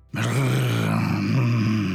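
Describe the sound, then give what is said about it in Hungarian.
A human voice imitates an angry dog's growl in a told children's story, where a dog runs past growling and snarling angrily: a continuous low, rough snarl lasting about two seconds after a brief silence, loud and steady with a throaty rasp. “A macska bebújt a csatornába, mert a nagy nyávogásra egy kutya loholt arra, mérgesen hörgött és morgott.”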